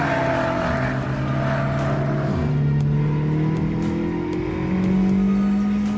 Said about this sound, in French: Ah, on sent que le moteur est quand même bien plus pointu que celui de la Mégane RS ou la Mégane RS Trophy. Déjà parce qu'on a 350 chevaux, hein, c'est 50 chevaux de plus que la Mégane Trophy.